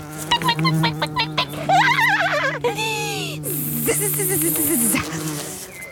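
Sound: wasps buzzing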